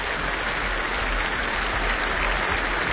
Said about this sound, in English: Jonathan Asgard returning once more to take the applause on his own.